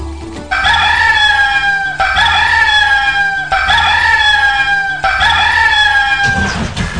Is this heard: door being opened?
no